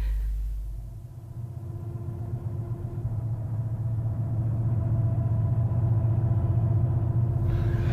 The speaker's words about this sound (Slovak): Počujete autá? Motory vrčia. Počuli sme to aj dolu na ceste. Sú odtiaľ to najmenej 5 kilometrov.